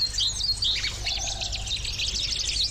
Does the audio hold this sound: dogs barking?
no